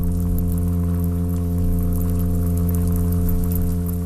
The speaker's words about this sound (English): It's just a little olive brown golden toad fishy looking thing. You wouldn't know that it could do a feature length sea fart.